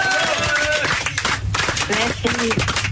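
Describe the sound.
A crowd applauds a guest singer, a steady dense patter of many hands clapping that fills the whole clip, with voices speaking and calling out over it.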